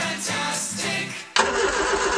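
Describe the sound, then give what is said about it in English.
A ute engine cranks with a rough, pulsing churn for about a second, then abruptly catches and settles into a loud, steady running rumble with no voices. “Mate, your ute's been making that noise since Easter.”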